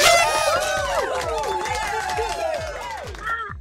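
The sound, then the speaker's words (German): A crowd cheers loudly and excitedly, voices whooping and shouting over one another in a continuous, energetic burst, with rhythmic thumps underneath throughout. “Der Jubel war lauter.”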